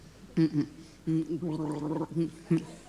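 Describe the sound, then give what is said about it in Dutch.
Someone drinks a glass of water with a run of wet, voiced gurgling sounds in the throat, several short bursts and one longer bubbling stretch, fairly loud and with no talking. “Doe ik eventjes... ja. Glaasje water.”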